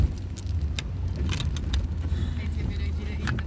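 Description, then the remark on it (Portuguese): An old car nicknamed Pequilho, with a steady low engine rumble and short, high-pitched squeaks and metallic rattles popping up irregularly over it, fairly loud. “Então, olha esses agudinhos que ele faz.”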